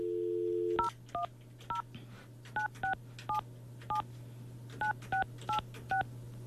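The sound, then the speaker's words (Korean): A steady low hum gives way to a quick run of eleven or so dual-tone keypad beeps as someone dials a phone number to call a person, short evenly spaced tones with brief pauses, clear, no one speaking. “이분한테 제가 전화를 한번 해볼게요.”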